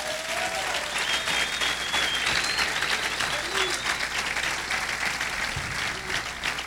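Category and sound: crowd, audience applauding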